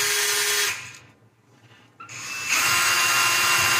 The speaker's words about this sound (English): To his credit, he stays in the garage and he is using his drill.